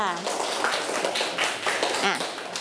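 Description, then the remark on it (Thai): A group of students in a Thai classroom claps together for a classmate in a steady, dense patter of applause lasting a few seconds, with voices chattering over the clapping. “เอาปรบมือ”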